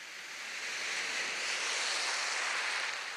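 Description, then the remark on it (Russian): A steady, hissing wash of sea surf in the morning rolls on without pause, a broad rushing sound that swells slightly at the start and then holds even. No voices are heard. “Море. Гляжу во все глаза.”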